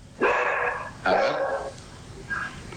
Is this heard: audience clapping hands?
no